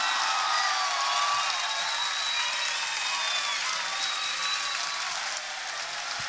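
An audience bursts into sustained applause, dense steady clapping with a few whistles and cheers mixed in, holding loud for several seconds before easing slightly at the end.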